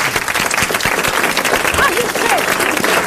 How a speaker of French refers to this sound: Eh bien, je crois que notre correspondant a bien mérité que vous l'applaudissiez.